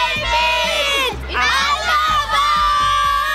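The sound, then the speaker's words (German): A large crowd in the stands shouts and cheers together for David Alaba, a loud, continuous wall of voices with high-pitched yells rising and dipping briefly before surging again. “Rufen wir nochmal gemeinsam.”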